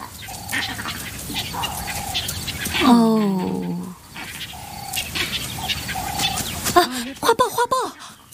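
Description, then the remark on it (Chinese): A monkey troop gives urgent alarm calls warning companions of danger nearby: short repeated yelps, then a louder, harsh wavering cry, ending in a quick burst of rapid chattering calls against outdoor background noise. “猴群急促的叫声往往预示着又一场对决即将上演，他们在提醒同伴附近有危险，其他动物也会注意到他们的信号。”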